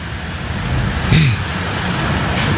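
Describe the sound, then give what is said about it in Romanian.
Strong wind roars in a steady, dense rush of noise in a video filmed in Cucuruzul, swelling slightly partway through and continuing without a break to the end. “Ce bate vântul, îi dă tare de tot acolo.”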